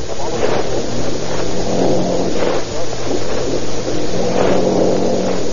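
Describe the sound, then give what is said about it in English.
Toward midnight, as a boat docks, cars roll off a ferry gangplank one after another, engines droning steadily over a low, constant motor hum, with periodic swells as each vehicle passes. “scanning each passing automobile as it rolls off the gangplank”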